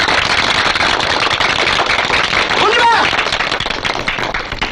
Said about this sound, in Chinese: 我们谢谢师长。我提议大家鼓掌，在这里鼓掌。